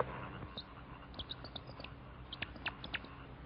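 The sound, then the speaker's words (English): A person among thick water lilies imitates a mockingbird or catbird with quiet, squeaky mouth chirps and clicks, an irregular run of short high bursts that bunches up toward the end, with no talking. “Wait a minute, I used to imitate birds.”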